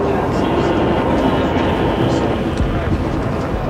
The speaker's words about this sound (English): Again, the wheels move round and round as we head toward the capital from Chicago and the Baltimore and Ohio. This train.